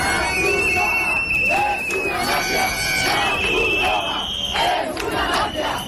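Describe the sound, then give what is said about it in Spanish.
A large crowd of migrants in Ceuta shouts and chants together, shouting "La Cruz Roja es una mafia" (the Red Cross is a mafia), in a loud, continuous roar, many raised voices overlapping with rhythmic bursts and steady high-pitched tones running through the din. “La Cruz Roja es una mafia, gritaban.”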